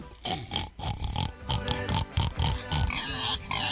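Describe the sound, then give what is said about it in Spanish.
A pig grunts and oinks in a rapid, continuous series of short, snorting bursts, fairly loud, with no talking. “Más un chancho.”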